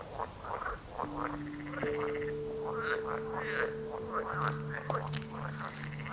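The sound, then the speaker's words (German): A dense chorus of frogs croaking together at night in Berlin, many overlapping calls in quick repeated bursts, steady, with a thin high insect-like tone running throughout and no voices. “Hören Frösche eigentlich?”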